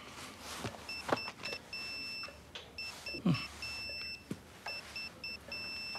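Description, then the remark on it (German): A high, two-tone electronic alert beeps from a tablet in repeated bursts of short and longer pulses, signalling that monitored blood pressure, heart rate or oxygen saturation values are too high, with occasional soft knocks and handling noises in the background and no talking. “Und wenn die Werte zu hoch sind, kriege ich einen Alarm auf mein Tablet.”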